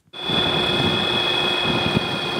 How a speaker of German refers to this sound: Flugzeug hört man kaum, denn es wird von einem Elektromotor mit Akku angetrieben. Und er hat es damit von Bayern bis an den Polarkreis geschafft.